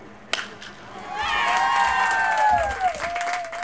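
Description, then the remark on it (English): A crowd of parents cheers for a Tijuana Little League baseball team that will represent Mexico at the Little League World Series, a sustained roar with high-pitched whoops and shrill calls gliding over it, after a single sharp crack near the start. “These parents aren't cheering for just any Little League baseball team.”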